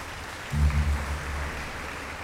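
An audience applauds for Jesus in the evening with a steady, dense patter of clapping that holds evenly for about two seconds, with a low sustained tone briefly swelling underneath partway through.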